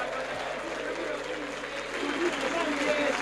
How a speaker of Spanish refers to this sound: A la cancha Ulises Sánchez con el número 15, se retira ovacionado con el número 9, Módica. Oh, escuchen, escuchen los aplausos, a ver.